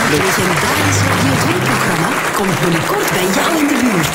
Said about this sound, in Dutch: Een groot applaus voor prachtig. Sabine Hagedorn.